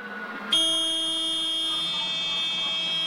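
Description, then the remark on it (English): A steady electronic warning buzzer switches on abruptly after a brief low hum and holds a harsh, continuous tone: the cockpit alarm of the KNBC news helicopter going off in the final seconds of its flight before it went down, with no talking. “This is an alarm going off.”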